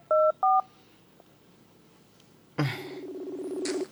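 Two quick, clear cellphone keypad tones beep in succession as a call is dialed, followed by a pause and then a louder, steady electronic buzzing tone that swells slightly. No one speaks.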